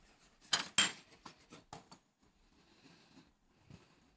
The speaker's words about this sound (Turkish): Bakın tozu koyuyorum içerisine.